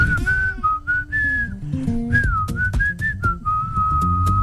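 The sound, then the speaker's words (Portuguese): A person whistles the melody of a hit song, copying the singer's whistle, the clear, piercing notes gliding up and down in a steady melodic line over a soft musical backing, fairly loud throughout. “Ele assobia. Eu assobio o que ele faz. O meu deve estar desafinado, né?”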